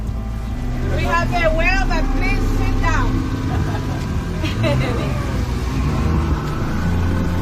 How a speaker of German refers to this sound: Das Boot rast auf eine Stelle zu, wo gerade noch eine Fontäne aus dem Wasser schoss.